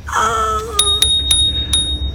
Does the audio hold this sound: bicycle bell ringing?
yes